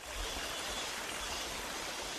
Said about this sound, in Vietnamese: Tiếng róc rách của dòng suối nhỏ chảy ngang bản, xen lẫn tiếng cọ rửa bồn ngâm bằng gỗ vang lên lạch cạch đều đặn. Đó là những âm thanh quen thuộc bắt đầu một ngày mới tại Hợp tác xã Cộng đồng Dao Đỏ ở Tà Phìn, Lào Cai.